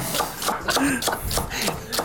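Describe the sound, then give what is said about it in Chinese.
A knife chops celery on a cutting board in quick, steady strokes, about seven or eight crisp thuds, with low background murmur underneath; the chopped celery is to be tossed into the mixture for an old-style taro cake. “好，我们切完这个芹菜之后，一样也是丢进来哈。”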